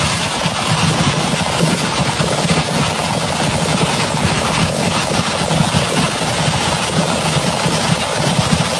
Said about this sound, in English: So this is audio of the fireworks going off. Somebody just saw it on their phone, but a fire went through a fireworks stand. So, of course, when that happens, it blows up.